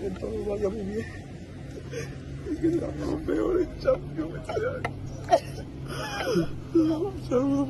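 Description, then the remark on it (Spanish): A young footballer sobs inconsolably in tears as he leaves Betis, choked whimpering cries coming in uneven bursts with shaky breaths between them, over a steady low background hum. “Roto absolutamente, Pablo García, con esas lágrimas y llorando, vamos, desconsoladamente el chaval”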